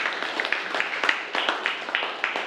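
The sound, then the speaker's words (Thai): Students clapping together in a brief burst of applause, a steady run of sharp, overlapping claps lasting a couple of seconds at moderate volume. “ดีมากเลยครับปรบมือเลยครับนักเรียน”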